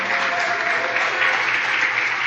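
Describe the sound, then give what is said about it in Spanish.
A concert audience applauds steadily for the performer's accompanists, a dense wash of many hands clapping at once, fairly loud, sustained without pause and with no voices rising above it. “Y un aplauso”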